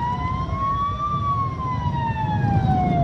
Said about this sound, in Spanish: Los que están en la pista hacen sonar las sirenas.